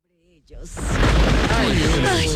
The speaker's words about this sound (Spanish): ¿Qué es eso? ¿Qué es? ¿Tormenta? La tormenta ya. Viene fuerte. Viene fuerte, pero viene...